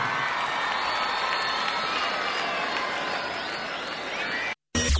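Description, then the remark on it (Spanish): A dense, steady roar of audience applause mixed with cheering and shouting voices, sustained throughout and cutting off abruptly just before the end. “aplauso.”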